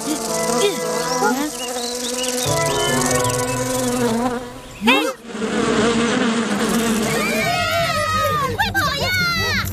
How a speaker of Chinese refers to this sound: 小蜜蜂， 走开走开。 啊，那不是蜜蜂，是马蜂。